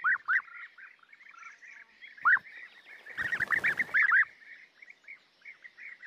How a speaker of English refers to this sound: Nearby, a colourful community has established itself. Bee eaters.